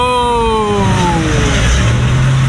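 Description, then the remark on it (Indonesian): A truck and cars pass along a road where U-turns are prohibited, the truck coming from north to south and breaking the rule, their engines droning steadily as a high whining tone slides downward while the vehicle moves off, with continuous low rumble and road noise and no talk. “Yang dari arah utara ke selatan itu ada truk mobil S Diamond.”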